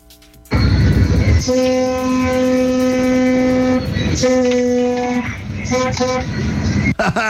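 A loud vehicle horn sounds a long sustained blast of about three seconds, then a shorter one, followed by a few quick toots, with engine rumble underneath.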